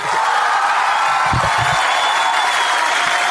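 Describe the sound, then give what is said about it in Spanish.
A crowd applauds a commentator steadily, a dense, even wash of clapping that holds at the same loud level throughout, with a brief low murmur of voices or a shout midway. “Ponele más aplausos al Turco, dale más aplausos.”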